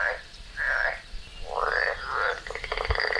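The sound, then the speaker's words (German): A European tree frog calls loudly: a few raspy, nasal bursts followed by a rapid run of pulsed croaks, with no voices present. “Laubfrösche können auch ihre Hautfarbe ändern.”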